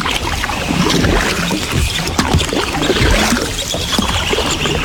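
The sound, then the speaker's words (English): Canoe paddle strokes dip and pull through water, producing a steady run of splashes, swirls and gurgles that continue throughout with no voices. “But we are thinking that if you are on the Red or on the Assiniboine with a canoe.”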